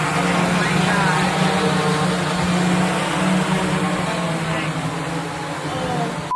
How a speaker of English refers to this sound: The drone is seen hovering over her pool.